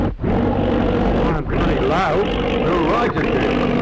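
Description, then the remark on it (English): A loud aeroplane engine roars steadily right overhead, a dense continuous drone with wavering tones that barely dips across the few seconds, with what may be faint voices mixed into the noise. “Oh, it's an aeroplane right overhead.”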